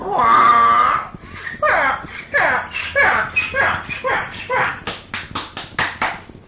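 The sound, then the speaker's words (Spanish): A donkey on the road brays loudly: a long, harsh opening cry followed by a steady run of rhythmic, rising-and-falling hee-haw pulses that end in short, raspy gasping bursts. “Antes no lo ha matado un carro este burro aquí en la carretera, mire.”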